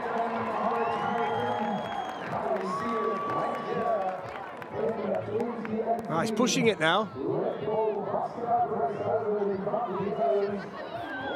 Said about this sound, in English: They're all cheering him on today. It's a fantastic atmosphere around any Red Bull soapbox event. It's been brilliant here today.